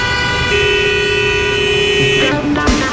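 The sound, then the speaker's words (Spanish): Busy street noise used as a background for traffic reports, with a long, steady car horn blast followed by several shorter overlapping honks at different pitches, loud over a constant rumble of traffic. “A ver, hay un fondo para cuando de las víctimas del tráfico.”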